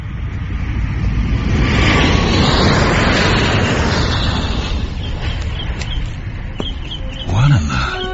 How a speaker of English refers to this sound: Just that plane. What about it? Does it always fly directly over the grounds? Every day, on its way to the airport. I guess I never noticed.